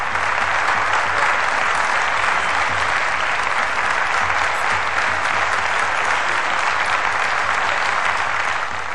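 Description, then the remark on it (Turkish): A large crowd of Soğanlı townspeople claps loudly and continuously to greet the wrestler Adalı Halil Pehlivan as he appears, a dense wash of applause that stays steady for the whole stretch with no voices standing out. “Soğanlı halkı onu pek güzel tanıdığından hemen şiddetli bir alkışla karşıladı.”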